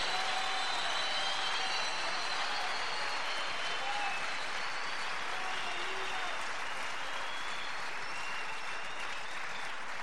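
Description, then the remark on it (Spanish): An audience applauds steadily, a dense wash of many hands clapping that stays sustained and even from start to finish at moderate volume, with no clear voices rising above it. “¿Por qué tenés miedo de aplaudir si el Espíritu te está moviendo?”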